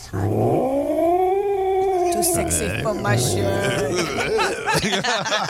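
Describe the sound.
A person imitates an angry cat having its tail pulled, letting out a long, drawn-out yowl that rises and wavers before breaking into growly, sputtering cat-like noises, loud.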